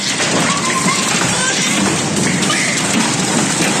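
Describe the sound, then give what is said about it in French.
A heavy hailstorm in the Rhône, France, pours down during a violent thunderstorm in a dense, unbroken roar of impacts, loud, with a constant hiss of ice striking windows and hard surfaces and no voices. “Puis une pluie de grêle en seulement quelques secondes.”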